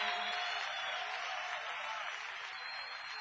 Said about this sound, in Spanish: Ríndele ese aplauso más fuerte a Jesucristo el Salvador. Oh, te alabamos, Señor.